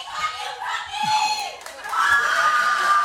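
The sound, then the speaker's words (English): A shrill, drawn-out shout from an audience member rings out over the steady murmur of a lively crowd, rising loudly for the last second or so. “People come out and they come out loud.”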